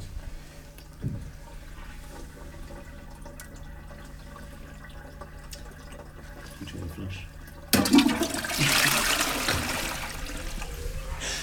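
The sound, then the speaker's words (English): A toilet flushes with a sudden loud rush of water partway through, following several seconds of quiet room hum, and the gushing, swirling sound carries on steadily to the end. “You're going to manifest this, I think, by flushing it.”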